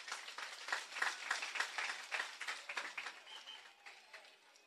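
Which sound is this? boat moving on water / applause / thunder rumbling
applause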